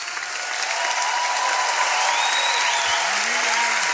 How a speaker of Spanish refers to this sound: Fuerte aplauso.